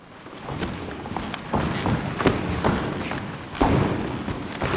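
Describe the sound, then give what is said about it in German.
A theatre ensemble warming up, stomping and striding across the creaky wooden floor of the school hall in Sulzbach during rehearsals for the piece Moyette: many overlapping heavy footfalls and dull thuds in an irregular, busy rhythm, fairly loud and steady throughout, with no talking. “Das Ensemble durchschreitet und durchstampft den Raum und erforscht so Schritt für Schritt die Möglichkeiten, die er auch akustisch bietet.”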